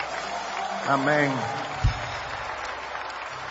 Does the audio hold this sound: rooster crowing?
no